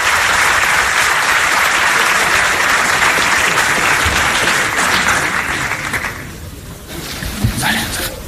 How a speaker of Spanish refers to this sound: Y ahora sale Florentino Pérez aplaudiendo al auditorio en este Hotel de Madrid.